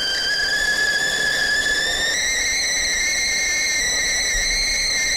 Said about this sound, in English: So I'm about to do that, but first, I better make my own cup of tea, hadn't I? Let me get that kettle going.